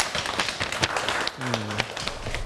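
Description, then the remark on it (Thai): A group of students claps for themselves after finishing a class activity, a steady patter of overlapping hand claps at moderate loudness lasting throughout, with a brief low murmur partway through. “ขอบคุณนักเรียนมากครับที่ได้ทำกิจกรรมอย่างสนุกสนานและก็สำเร็จไปได้ด้วยดีนะครับนักเรียนทุกคนปรบมือให้ตัวเองหน่อยครับ”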